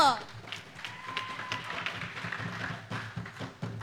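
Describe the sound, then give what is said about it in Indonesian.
An audience at a competition prize event applauds the RRI Palu team steadily, a dense patter of many hands clapping at once over a crowd murmur, with a few individual claps standing out near the end. “Mari berikan tepuk tangan untuk RRI Palu.”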